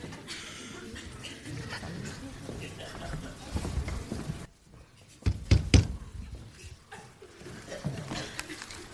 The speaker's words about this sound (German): Wenn man an eine Amtstür klopft, dann hat man zu warten, bis jemand hereinruft.